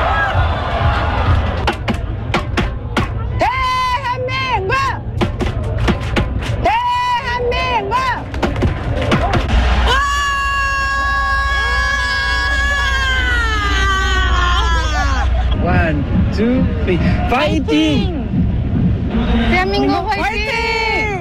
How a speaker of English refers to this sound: Well, usually we bring you voices. That was mainly screaming, but it gives us a sense of the passion, I guess, and the global impact of the game as well. French fans of South Korea in Seoul.